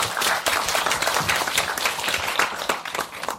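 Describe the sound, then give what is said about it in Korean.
An audience at the 19th Jeonbuk Women's Film Festival applauds steadily as the festival programmer is called to the front. Many hands clap in a dense, continuous patter that holds an even loudness throughout, with no voices rising above it. “큰 박수로 이때 쳐주세요.”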